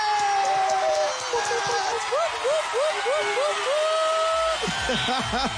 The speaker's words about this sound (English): And you know what? Just because we're excited, we're going to cheer one more time, and I'm going to let it sink in properly.